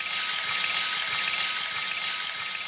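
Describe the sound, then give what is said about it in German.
A steady hiss of water pouring and spraying from a camping shower, continuous and fairly loud throughout with no pauses and no voices. “Bis dahin sind die Bewohner weiterhin auf Duschen in Fitnessstudios oder Gartenlauben angewiesen. Oder auf die Campingdusche”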